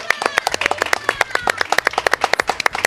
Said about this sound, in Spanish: Oaxaca, por favor, aplausos a todos los viajeros.